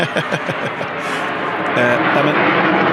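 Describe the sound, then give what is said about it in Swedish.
A small airplane drones overhead, a steady engine hum that swells louder partway through, while people talk over it. “Nu åker ett litet flygplan över här igen.”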